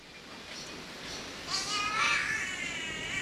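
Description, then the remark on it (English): A catbird gives a drawn-out, cat-like wailing call that rises and wavers in the second half, clear over a steady background hiss of rainforest ambience. “It does remarkably sound like a cat when you're in the rainforest.”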